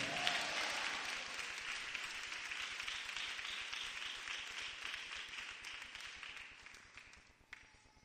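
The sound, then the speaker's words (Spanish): An audience breaks into sustained applause for the Lord, many hands clapping in a dense, steady wash that gradually fades over about eight seconds, with no one speaking. “¿Cuántos le dan un aplauso al Señor, Dios de los cielos?”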